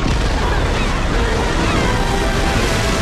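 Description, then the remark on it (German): Loud, steady sloshing and churning water fills the whole moment, a dense wash of splashing with no clear pauses, as divers Gru and Lucy reach a freighter and surface. “Unterdessen haben Gru und Lucy den Frachter erreicht und tauchen auf.”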